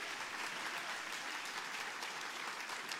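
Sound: church audience applauding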